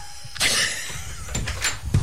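A door swings with a sudden broad whoosh near the start, followed by a few sharp knocks and clicks as it moves and settles, with no talking.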